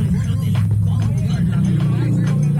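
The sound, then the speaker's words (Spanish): Steady, loud low-frequency road and engine rumble from inside a moving car in traffic, continuous for the whole stretch, with faint muffled voices in the background. “Mandan un video, está el tráfico.”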